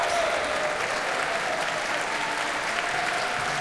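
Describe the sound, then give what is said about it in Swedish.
Sustained applause from a large concert audience at Berwaldhallen as Barbara Hannigan returns to the stage after performing with George Benjamin and the Swedish Radio Symphony Orchestra, a steady dense wash of clapping hands at even volume throughout, with no voices standing out. “Och hon får komma ut på scenen en gång till och ta emot publikens applåder.”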